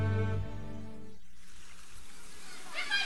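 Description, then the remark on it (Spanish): Water splashes and churns steadily for a couple of seconds as a woman swims, with soft low thumps under the spray, following a brief humming, voice-like tone at the start. “El agua está muy buena hoy, podría nadar por horas.”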